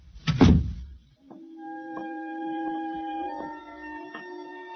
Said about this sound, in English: Close the kitchen door behind you.